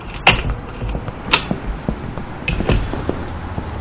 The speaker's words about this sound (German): Die Tür ist offen.